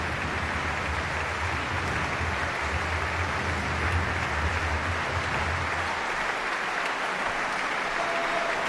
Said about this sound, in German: Ja, unglaublich, wie hier geklatscht wird für das Sinfonieorchester Basel und seinen Chefdirigenten Markus Poschner.